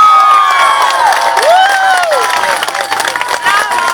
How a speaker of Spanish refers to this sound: Un aplauso para Dios.